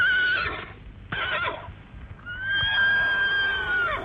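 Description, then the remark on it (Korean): A horse neighs loudly in two bursts, the first a shrill whinny that breaks off, then a longer, high, wavering neigh that trails down at the end. No one speaks. “덕강이가 신심 가득히 곱비를 받아지고 막 올라타려고 하자 말은 그가 어리다고 업신여기듯 호응 울부짖으며 엉덩짝을 이리저리 흔들었다.”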